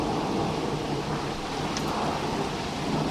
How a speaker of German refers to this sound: Boah, da haben Sie richtiges Gewitter da oben, oder? Boah. Ah, jetzt wird's besser, das Gewitter. Jetzt wird's besser.